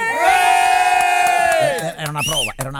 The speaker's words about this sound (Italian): Allora facciamo le prove, ragazzi, dell'urlo.